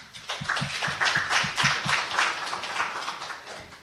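A room full of people applauds the participants and guests of a handball fixture draw, many hands clapping together in a dense, sustained wash of sound that stays fairly loud for several seconds.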